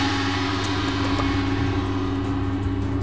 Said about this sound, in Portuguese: Opa! Opa! Espera só um momento, deixa o avião passar.